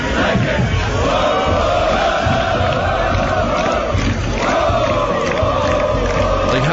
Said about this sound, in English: Can you play the crowd marching to the stadium yesterday? Here's what it sounded like.